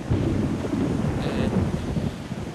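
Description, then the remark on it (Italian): A loud, deep rumble of thunder rolls on steadily for a couple of seconds, heavy in the low end, with no voices. “Salvo, che è stato? Ah, no, è un tuono.”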